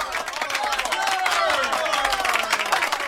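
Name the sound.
round of applause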